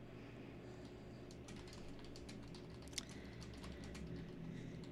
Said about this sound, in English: All right, just typing a message here.